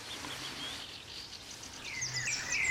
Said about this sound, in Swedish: Ja, här har vi äntligen fått lite fler fåglar än alla våra kära skrattmåsar och tärnor och fiskmåsar som har hållit oss sällskap över natten. Nu har rödhaken vaknat, va? Ja, koltrasten sjunger här. Ja. Gryningsfåglarna. Ja, för vi är i gryning nu.